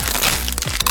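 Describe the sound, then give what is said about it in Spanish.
Loud, dense crunching of Crunch brand tortilla chips, a Costa Rican product of Instamasa: a continuous crackly texture punctuated by several sharper snaps toward the end, with no voices. “Porque solo Crunch suena así.”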